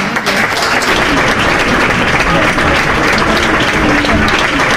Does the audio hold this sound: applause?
yes